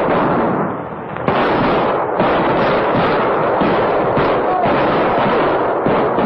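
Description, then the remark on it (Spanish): Soldiers fire rifles in all directions over the water in sustained, dense fire that crackles without pause for several seconds, overlapping sharp reports forming a loud, continuous barrage with occasional stronger bursts standing out. “¡Disparen en todas direcciones sobre el agua hasta que lo maten! ¡Fuego, soldados!”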